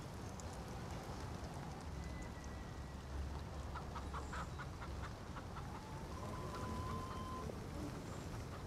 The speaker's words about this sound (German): Na los, guck dir die Hühner an. Weißt du, warum Hühner nachts schlafen? Sie können im Dunkeln nichts sehen.